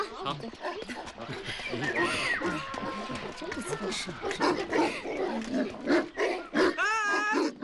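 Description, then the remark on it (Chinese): Several village dogs, among them ones called Xiaohuang and Xiaohei, bark and growl at a newly arrived visitor in rapid, overlapping bursts in Xiutang township in rural Taizhou, with people talking and calling out over the noise. “这狗怎么就围攻我一个呀？”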